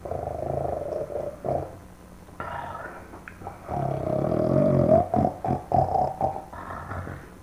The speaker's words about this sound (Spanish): si ya está roncando.